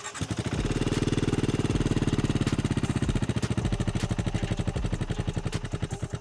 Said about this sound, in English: And if you're wondering whether it sounds like the Bear 650, the answer is no, absolutely not. It has a very distinctive exhaust note, which feels slightly busy, but crummy, if anything.